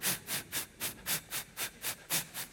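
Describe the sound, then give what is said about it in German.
A crowd of voices imitates hissing steam in a steady rhythm, about ten evenly spaced bursts of breathy hiss like a chugging engine, moderately loud. “Noch ein bisschen mehr Gas, mehr Dampf. Very well, okay. Now wir haben die zischende Luft.”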